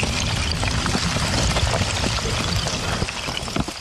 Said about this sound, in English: For the first time all year, the river is flowing, carrying chunks of ice. But if it was really quiet, like there was no engine noise, the sound is amazing. It sounds like chandeliers clanging each other.